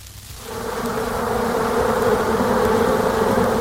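A dense, steady hum of many honeybees buzzing, swelling in after a brief quiet start and holding a continuous droning tone with no voices.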